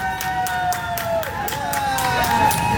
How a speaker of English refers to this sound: who spent hours camped outside Sydney's flagship store, came out and emerged with his iPhone, so proud, and everyone clapped for him.